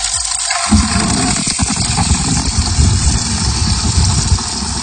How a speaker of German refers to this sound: Na, irgendwas sprudelt da, irgendwas Flüssiges ist das. Ich habe erstmal die Gießkannen gefüllt und bin erstmal wirklich eine halbe Stunde durch den Garten, erstmal wieder in den Blumen bisschen Wasser.